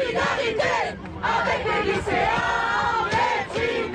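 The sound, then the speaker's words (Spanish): A large crowd of university students in France, waving a Student Union flag, chants slogans in solidarity with repressed secondary school students, loud and continuous, with rhythmic surges and a brief dip in volume before the shouting swells again. “Solidaridad con los estudiantes de secundaria reprimidos, gritaba un grupo de estudiantes universitarios que ondeaba una bandera del sindicato de la Unión Estudiantil.”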